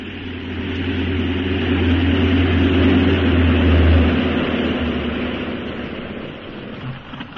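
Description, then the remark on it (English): A propeller airplane landing at a military cantonment airport in Hyderabad roars with a deep droning engine hum that swells to a peak midway, then gradually fades as the aircraft passes and settles down. No voices are heard. “I better get back into your seat. We're landing.”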